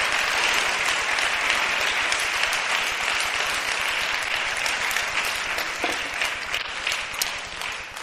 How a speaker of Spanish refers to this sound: Démosle un aplauso al Señor si quiere dárselo.